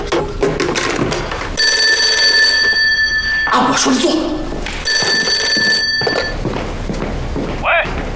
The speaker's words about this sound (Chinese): 你去，把这个电话给我撂下去。我叫你接电话去啊！